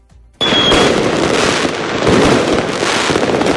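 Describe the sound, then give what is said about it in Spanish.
Fireworks at the official opening of a fair, as the fairground lights were switched on last night, burst into a loud, continuous barrage of dense crackling pops after a brief quiet start, with a thin whistle near the beginning and no voices. “Con el encendido del recinto anoche y los fuegos artificiales.”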